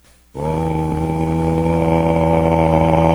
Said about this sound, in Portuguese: O chifre pode se fazer um pente. É mesmo, pode se fazer botões. Fazer botão, fazer pente. Pode se fazer um berrante. Tem um som tão bonito, o som do berrante.